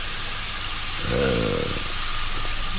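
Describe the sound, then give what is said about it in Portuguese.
Musique concrète built from recordings of factories, construction works and pneumatic jackhammers: a steady, dense roar of machinery with a brief growling, engine-like drone swelling up midway, then sinking back into the wash. No voices. “Só de fábricas e de obras e de martelos pneumáticos e coisas.”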